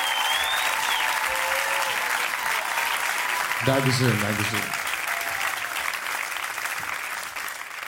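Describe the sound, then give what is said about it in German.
Steady, dense applause from an audience fills the whole clip at an even loudness, and a man's voice briefly speaks over it midway through. “Lieber Autofahrer, der ganze Applaus hier hat mich schon ganz verrückt gemacht.”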